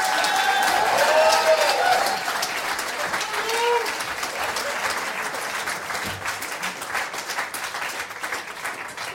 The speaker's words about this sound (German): Riesen Applaus nochmal für euch zwei.